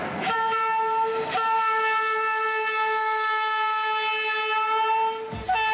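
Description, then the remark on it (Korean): A slow local passenger train, the snow-flower train from Kars to Ankara across eastern Anatolia, Turkey, sounds its horn in one long, loud, steady blast that holds for several seconds before cutting off, with no voices. “버스보다도 오래 걸리는 완행 기차.”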